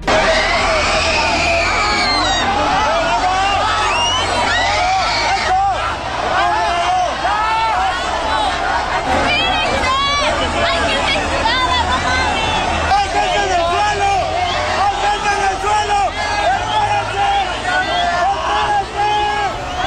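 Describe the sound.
A dense, loud crowd of many voices shouting and crying out at once during a crowd crush, people yelling not to push or keep moving because people were lying on the ground, high strained yells rising over a constant roar of overlapping voices, continuous.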